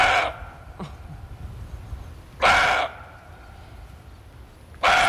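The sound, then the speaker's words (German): A roe buck barks three times, each a hoarse, breathy, dog-like bark spaced a couple of seconds apart, fairly loud against a quiet outdoor background. “Der Rehbock, der gauzt wie ein Hund, so ähnlich.”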